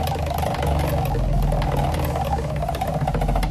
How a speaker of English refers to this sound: Let's spin the wheel for an instant present.